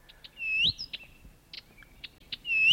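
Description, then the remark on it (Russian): A Blyth's reed warbler sings a varied, rhythmic phrase of clicks, short chirps and rising whistled notes, clear over a quiet outdoor background with no talking. “Также удалось записать и песню садовой камышовки.”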